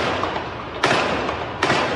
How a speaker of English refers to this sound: At first, some thought the sounds were from a nearby construction site. Second round of gunfire was unmistakable.